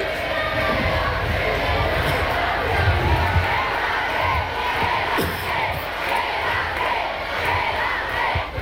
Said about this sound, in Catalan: Moltíssim aplaudiment per una jugadora de llegenda, per una reina...